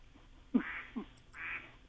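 A cell phone's duck-quack ringtone plays: a few nasal quacks in quick succession, slightly tinny and thin, at moderate volume with no one speaking over it.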